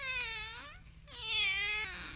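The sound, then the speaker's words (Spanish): A black cat meows twice, two long, drawn-out, wavering cries separated by a brief pause, fairly loud, with no other sounds around them. “Sabroso bocado, miau.”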